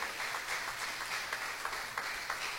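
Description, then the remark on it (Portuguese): An audience claps for Jesus together in a steady, dense wash of applause, many hands overlapping with a few sharper claps standing out, fairly loud throughout with no voices. “Veja, meus queridos irmãos, pode bater palmas para Jesus.”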